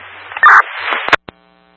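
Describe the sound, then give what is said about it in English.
Harsh electrical buzzing of downed power lines crackles through radio static, with a loud humming burst near the start, then a few sharp clicks before the line drops nearly silent. “You have power lines down on your end? Yeah, 10-4. I can hear them buzzing.”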